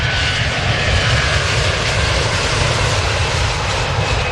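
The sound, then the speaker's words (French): A loud jet airplane at Roissy airport, France, roars steadily overhead, its deep rumbling engine noise filling the whole stretch without fading, with no voices present. “1300 avions par jour, un avion par minute.”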